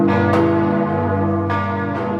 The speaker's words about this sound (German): Im Moment haben nur 3 Leute fähige Glocken. Mehr ist nicht. Das ist die Glockenkultur am Magdeburger Dom, die etwas bescheiden ist, um es vorsichtig zu formulieren.